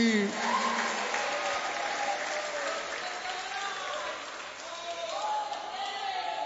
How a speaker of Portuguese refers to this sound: Quem aplaude a Jesus e dá glória a Deus aí.